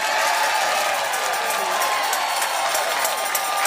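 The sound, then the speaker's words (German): A crowd cheers and claps loudly and steadily, a dense roar of voices and applause filling the whole clip without pause. “Nochmal jubeln vielleicht.”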